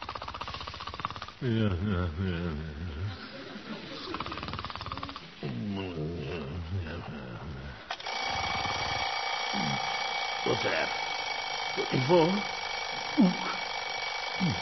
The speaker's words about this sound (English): Oh, alarm. Oh, shut up. Better get up, I guess.